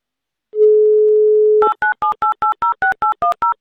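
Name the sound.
telephone call tones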